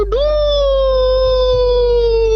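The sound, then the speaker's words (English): A person imitates a cockerel's crow, in answer to a quiz asking for four seconds of the sound, with one loud, long, high-pitched vocal note that swoops up at the start, then holds and slowly sags for about two seconds, with no other sounds. “Give us 4 seconds of the sound of a cockerel crowing.”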